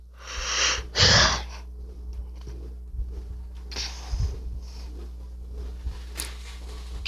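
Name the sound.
yawn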